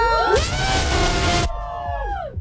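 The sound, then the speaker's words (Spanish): A crowd of university students, the audience of a live radio broadcast at UAM Xochimilco, shouts together in a loud burst lasting about a second, then the voices trail off into a few sustained yells. “No, dije, no van a gritar. Entonces, no, el grito.”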